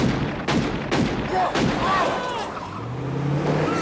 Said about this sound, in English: shoots the getaway car's back window.